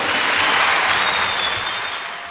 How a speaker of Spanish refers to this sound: ¡Eso es! ¡Aplauso!